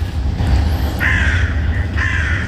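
Two harsh, drawn-out bird calls, about a second apart, ring out over a steady low rumble of outdoor background noise, with fainter calls further off.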